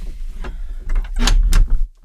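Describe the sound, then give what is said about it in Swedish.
A hallway door is handled: low rumbling scrapes and a couple of sharp knocks and rattles, ending with a muffled thud and sudden quiet. “Ja, till exempel dörren är ju”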